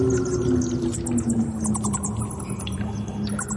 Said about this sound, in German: Was ist das jetzt? Das, mein Lieber, ist eine Vampirfledermaus. Ah ja, ich hatte schon gedacht, Fledermaus passt, aber dieses Tropfen, liegt in der Höhle, klettert durch eine Höhle.